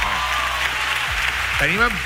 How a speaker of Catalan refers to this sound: Un fort aplaudiment per al País Valencià, per favor!